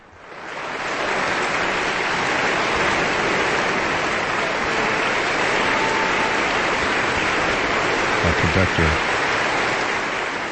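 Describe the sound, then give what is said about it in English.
Loud, sustained applause and standing ovations from a large concert audience as the conductor returns after the Aspen Festival Orchestra's live concert in the Klein Music Tent, Aspen. A dense steady wash of clapping holds throughout, with a few brief lower-pitched voices or cheers near the end. “Our conductor has returned to wild applause and standing ovations.”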